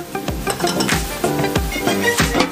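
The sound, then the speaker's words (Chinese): Seafood sizzles steadily in a hot wok while it is stir-fried, tossed and stirred, with a dull metallic scrape or thump about every half second over the constant crackle. No one speaks. “海鲜小炒，出锅前撒入少量白胡椒粉，快速挥发的胡椒碱能在去除腥气的同时最大限度保留食材的鲜甜。”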